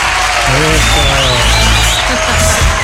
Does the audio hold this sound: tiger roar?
no